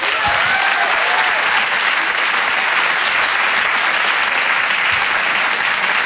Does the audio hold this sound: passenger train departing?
no